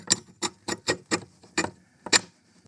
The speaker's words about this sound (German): Einen rostigen Schieberiegel oder Schlossriegel wirkt jedenfalls wahre Wunder. Vielleicht habt ihr im Garten oder im Keller einen zur Hand. Den dann nur noch ganz langsam zur Seite schieben und das klingt dann so.